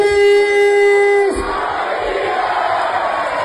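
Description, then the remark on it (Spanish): A crowd of Águilas Fútbol Club fans in the municipality of Águilas roars in unison, celebrating the club's promotion to Primera Federación. A loud sustained chant breaks at about 1.3 seconds into a broad, jubilant wash of cheering and shouting that continues to the end. “El Águilas Fútbol Club, ya saben, festejó su ascenso a Primera Federación con su gente”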